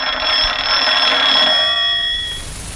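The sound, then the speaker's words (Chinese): A telephone rings with a loud, continuous metallic bell for about two seconds, then the ringing trails off; it is a call from the regiment commander. No one speaks. “哎，啊，团长电话。”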